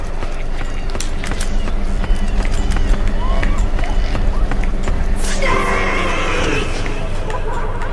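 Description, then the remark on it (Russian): Footsteps from two directions converge, quick repeated steps over a dense, noisy background, with a brighter scraping rush partway through. Faint murmuring voices may sit underneath. “Непонятно, тут шаги с двух сторон сходятся.”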